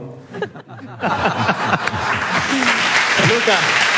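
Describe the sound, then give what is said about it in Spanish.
The audience of a radio programme broadcast live in Almería bursts into steady, dense applause after a brief moment of speech, the clapping holding loud and even while voices keep talking over it. “estamos haciendo el programa en directo en Almería y que sepas que tú, socialista, acabas de arrancar el aplauso de un programa de radio.”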